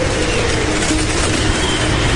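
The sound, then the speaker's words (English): A tornado with a half-mile-wide damage path, heard from inside a storm shelter: a loud, steady roar, a dense rumbling rush like a really loud freight train coming through, filling the whole clip without a break and with no voices. “It just sounds like this really loud train coming through.”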